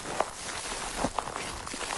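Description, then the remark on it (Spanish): A reporter's footsteps crunch over dry, burnt ground, sticks and snapping branches of the few remaining trees in the wildfire zone of Los Gallardos, Almería, a few irregular steps with sharp cracks, over a steady noisy outdoor background with no talking. “Así suena el suelo, los palos y las ramas de los pocos árboles que quedan. Son las pisadas de nuestro compañero”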